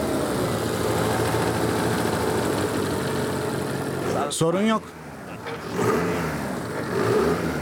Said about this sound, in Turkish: Oldukça iyi, sorun yok. Araba güzel çalışıyor. Başlayabiliriz.